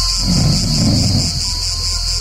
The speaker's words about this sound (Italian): Oh, oh! Cos'è questo rumore di 100 cicale? Oh no!